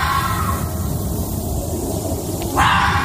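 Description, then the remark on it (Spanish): A red fox gives a hoarse, raspy call, a rough continuous bark-like rasp lasting a few seconds, ending in a louder, harsher burst. “Joder, vaya catarro tiene el zorro rojo, ¿eh?”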